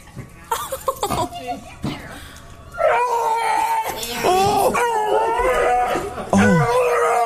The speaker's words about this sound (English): This dog is at a vet and is being released to its owner and dogs make weird noises sometimes when you come home. This one does, too, but it sounds like a TIE fighter.